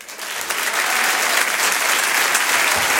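A large audience applauds steadily for comedian Jal as he joins the show, a dense wash of clapping that swells quickly and stays loud and continuous throughout, with no voices standing out.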